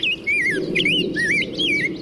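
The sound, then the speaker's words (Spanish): A bird sings a continuous series of warbling, whistled phrases that rise and fall in pitch, clear, with a low steady background rumble and no voices; a recording from Ontario, Canada, taken from xeno-canto.org. “Con datos del Grupo Naturalistas y Observadores de Aves y del Laboratorio de Ornitología de Cornell, audios de David Darrell en Ontario y Stanislas Grossa en Canadá, tomados de cenocanto.org.”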